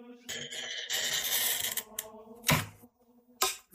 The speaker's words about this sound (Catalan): Aquesta és probablement una de les parts més reconeixibles del procés. La rolina o el tallavidres permet marcar sobre el vidre exactament per on haurà de passar el tall. No es tracta de tallar a ull.